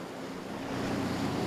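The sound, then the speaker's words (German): Choppy sea waves slosh and churn steadily around a lobster-fishing boat in narrow waters between sandbanks, with a broad rushing wash and some wind buffeting the microphone, growing slightly louder toward the end. No voices are heard. “Obendrein haben sie heute ordentlich Wellengang.”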